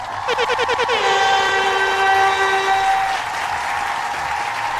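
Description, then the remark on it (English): Steady crowd applause fills the background while a loud, horn-like tone pulses rapidly a few times, then holds as a long blast over the clapping before fading out. “No, we need clap for confirm betas now.”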